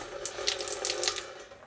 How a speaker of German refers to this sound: Das ist hier die Küchenzeile, ein Gasherd, Küchenschränke, Waschbecken. Im Winter kochen wir auf der Küchenhexe, weil der dann auch als Heizung sowieso auch fungiert. Wir haben hier fließend Wasser.